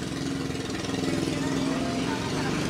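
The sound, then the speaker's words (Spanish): Steady rumble of car engines from outside, a continuous, fairly loud drone with a low hum underneath, with no distinct pauses or single pass-bys standing out. “Ahí los oigo. Aquí ahí los ya oigo. Contestaron los autos.”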